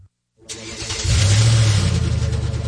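A car engine cranks briefly and catches, then roars up into a loud, steady rumble, with no one speaking.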